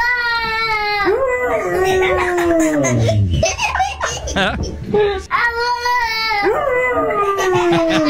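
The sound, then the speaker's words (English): A Labrador Retriever howls in long, wavering, rising-and-falling tones alongside a little boy's crying, whooping voice, the two trading and overlapping loudly, with a second drawn-out howl near the end. “This little boy and his Labrador Retriever. Apparently, they can talk to one another.”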